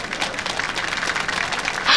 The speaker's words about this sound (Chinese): 让我们用掌声欢迎她给大家讲几句。